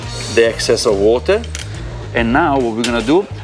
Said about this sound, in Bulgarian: Ще напълня тази висока чаша с лед. Винаги препоръчвам да охладим чашата по този начин. Сега ледените купчета леко се докосват по ръба на чашата и тя вече е перфектно охладена.